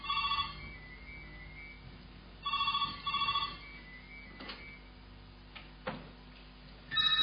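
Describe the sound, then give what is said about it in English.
A telephone rings in short repeated bursts, the electronic trill sounding four times with pauses between, fairly clear, with a couple of faint knocks in the gaps and no talking. “Unplug that phone.”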